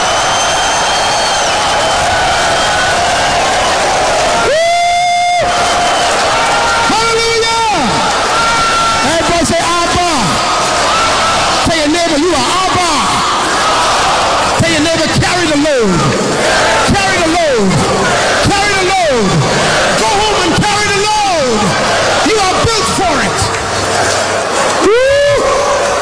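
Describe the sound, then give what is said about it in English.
A large audience screams and cheers loudly and continuously, many voices overlapping in rising, wavering shouts and whoops for the whole stretch. “Clap your hands. Because she is your baby. And that's why it is natural for your wife to finally call you daddy. Come on, scream if you got the revelation.”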